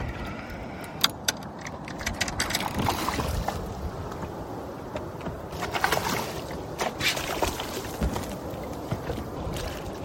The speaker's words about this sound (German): Miloš kämpft trotzdem etwa länger mit dem Fisch, bis er ihn ins Boot einholt.